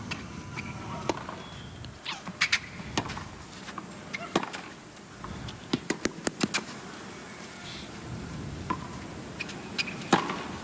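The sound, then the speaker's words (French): A tennis match rally with crisp, sharp topspin ball strikes popping back and forth at an irregular pace, some in quick clusters, over a steady low ambient murmur. “Et ce genre de frappe bombée, là, elle utilise ça souvent hein, au début de sa carrière.”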